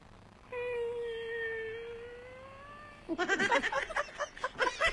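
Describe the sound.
A person imitates an embarrassed cat with one long, drawn-out meow whose pitch slowly sinks. Loud, choppy bursts of laughter follow right after.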